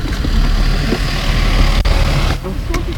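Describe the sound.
Steady low engine rumble and road noise heard from inside a moving animal ambulance, loud and continuous with a brief dip, while people talk over it.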